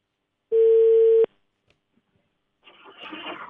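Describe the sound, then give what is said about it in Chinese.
A single loud, steady telephone ringback tone buzzes for under a second, then the line goes quiet before a soft rustling hiss comes in, like a call about to connect; a live radio hotline programme is calling a village official of Lishuqiao Village, Taohuajiang Town. “桃花江镇梨树桥村福支书的电话，我们跟他进行沟通。电话正在接通当中”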